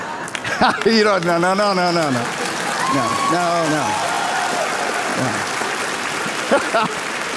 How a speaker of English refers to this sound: Thank you for that smattering of applause there.